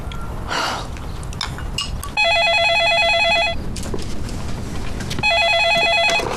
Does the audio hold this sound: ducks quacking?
no